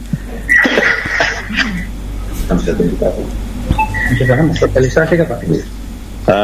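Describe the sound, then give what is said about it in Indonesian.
A person coughs several times in short, harsh bursts, with voices murmuring in the background between the coughs. “Saya kurang enak pada batuk dulu.”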